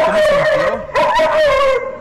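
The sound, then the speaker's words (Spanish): A dog barks and vocalizes frantically as a car approaches, still about 50 meters away: a loud, high, drawn-out howling whine that barely breaks for two seconds, with no one talking over it. “El perro se oye desesperado, güey.”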